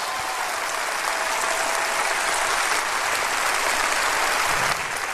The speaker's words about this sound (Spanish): Oh, si va a aplaudir, aplauda bien, hombre. Oh, gracias, Dios.